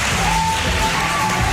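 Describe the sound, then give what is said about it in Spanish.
A crowd applauds steadily in a town hall council chamber for pupils of Colegio Virgen del Rocío, dense overlapping clapping holding an even, loud level throughout, with a faint thin whistling tone running faintly underneath. “Un aplauso para ellos, por favor.”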